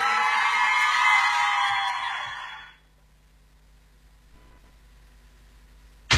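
A burst of crowd applause and cheering with whoops and yells, loud and dense for about two seconds before fading away into near silence.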